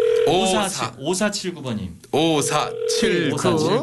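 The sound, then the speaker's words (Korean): A steady electronic phone ringback tone hums in repeated long stretches while a man talks loudly over it, the tone pausing briefly before sounding again, as a Far East Broadcasting (극동방송) radio host dials a listener's regular landline. “자, 또 방학생 지금 전화 한번 걸읍니다.”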